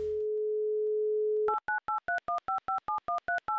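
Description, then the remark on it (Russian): A telephone dial tone hums steadily for about a second and a half, then gives way to a quick, even run of about eleven touch-tone dialing beeps as a radio show redials a listener in Yuzhnouralsk. No one speaks. “Давайте попробуем позвонить еще раз.”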